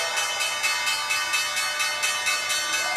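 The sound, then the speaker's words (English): A stock exchange opening bell rings loudly and continuously as Wall Street opens, a bright metallic clatter pulsing in rapid, even bursts for several seconds with no voices over it. “Right, so we are waiting on the opening bell.”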